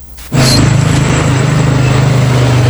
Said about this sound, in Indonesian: Di setiap sudut jalanan Kota Kendari, deru mesin dan laju roda seolah tak pernah berhenti.